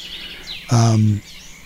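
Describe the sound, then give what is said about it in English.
A cat named Rosie lets out one loud, drawn-out meow lasting about half a second, its tone steady and fairly low, rising sharply out of a quiet background with faint high chirps. “My cat Rosie is being loud.”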